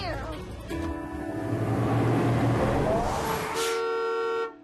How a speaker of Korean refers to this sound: 스쿨버스가 왔어.